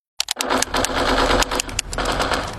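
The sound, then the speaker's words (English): Rapid, continuous bursts of video game machine-gun fire, loud, rattling steadily for a couple of seconds with no voices, as someone plays a video game with a controller. “can you put the video game controller down for a second? I can talk and play.”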